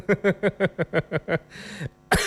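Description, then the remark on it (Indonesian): A radio host has a rapid fit of coughing: about eight quick, evenly spaced barks in a row, then a raspy breathy stretch and one last sharp, forceful cough. No speech. “Batuk penyiar ganteng ini ya.”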